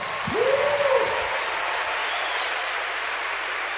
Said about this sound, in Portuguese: Aplaude ele aí, meu irmão.